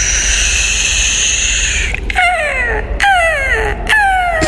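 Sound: seagull calls sound effect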